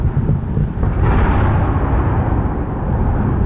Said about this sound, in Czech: Krátce po vyhlášení vzdušného poplachu se v Oděse ozvalo několik silných explozí. Jeden z raketodronů zasáhl největší stadion na jihu Ukrajiny.